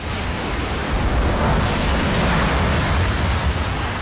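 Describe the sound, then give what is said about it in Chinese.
A continuous roar of churning blue sea water fills the space, loud, with waves surging and crashing and spray thrown up about a person's height in an unbroken wash of noise and no voices. “蔚蓝的海水翻腾了起来，溅起的浪花足足有一人高。”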